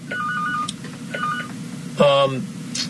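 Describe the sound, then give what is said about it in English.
A telephone rings with short electronic trilling bursts, two quieter rings followed by a louder one, over a steady low background hum. “There was a phone ringing here, but I don't know what phone it was, because it wasn't the interconnection of you.”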